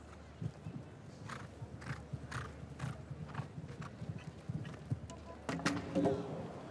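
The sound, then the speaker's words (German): Heavy horse hooves pound the ground in a steady galloping rhythm as a horse approaches and takes off at a jump, fairly loud, building toward the end with a brief burst of other noise over the final strides. “Ja, ein bisschen zu groß unterwegs hier zum Sprung hin, im Absprung.”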